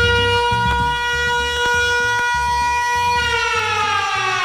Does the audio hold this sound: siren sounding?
yes